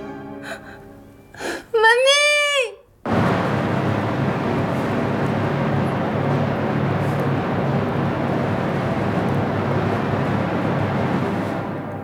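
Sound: child crying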